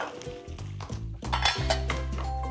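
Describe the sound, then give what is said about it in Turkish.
Tomatoes, added one by one, fry and sizzle steadily in a pan while a utensil scrapes and clinks against the metal as they are stirred, fairly loud, with no one talking. “Hemen domatesleri de teker teker ekliyorum ve kızartmaya devam ediyorum.”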